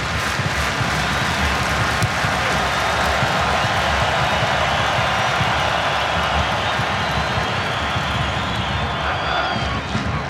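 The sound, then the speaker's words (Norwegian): A large crowd of German fans claps in a steady, rhythmic beat at a football match between Germany and Paraguay in Boston, the repeated claps pulsing through a dense, constant roar of voices that stays loud for the whole stretch. “Tyskerne nå som drar I gang taktfast klapping I Boston.”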